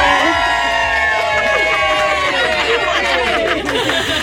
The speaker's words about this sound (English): And there's about 500 people in studio with me right now, and they're going to give you a massive cheer.